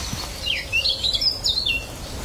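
A bright, warbling blackcap song runs for about two seconds, a quick series of rising and falling whistled phrases over low background rumble, with no voices.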